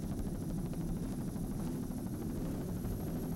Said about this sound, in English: Vector helicopter.